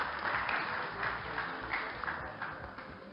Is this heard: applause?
yes